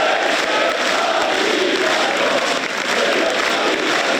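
Loud, dense crowd noise fills the whole stretch, a steady wash of clapping mixed with cheering voices, with no pauses or breaks, as President Erdoğan enters the hall for an AK Party group meeting.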